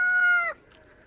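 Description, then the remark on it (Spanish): A voice imitates a rooster's crow in one short, loud, held call lasting about half a second, then cuts off into quiet. “Al principio canta como gallo.”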